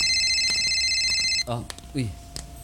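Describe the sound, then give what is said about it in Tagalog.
A cellphone rings for an incoming call with a steady, high electronic tone for about a second and a half, then cuts off as someone starts talking. “Kay kanina pa sige tringit yung cellphone.”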